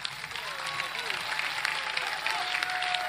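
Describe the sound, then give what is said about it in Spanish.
Sustained audience applause for director Óscar Ramírez after a Chilean folk dance and music performance celebrating World Folklore Day, a dense steady wash of clapping at even loudness throughout, with faint tonal whistles or voices threading through the crowd noise. “Saludamos con este aplauso a su director, Óscar Ramírez.”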